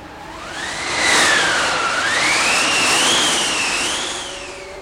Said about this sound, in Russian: На третьи сутки под вечер заметно усилился ветер, и вскоре поднялась настоящая снеговая буря.